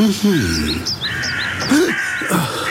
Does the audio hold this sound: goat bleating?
no